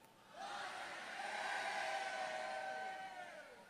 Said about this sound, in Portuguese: Então eu vou contar até três. Você dá o melhor glória a Deus que você puder dar até hoje. Você puder, quando eu contar três, você dá um pulo, ficar em pé e dá um glória a Deus de um minuto para abalar todas as estruturas espirituais. Um, dois, três.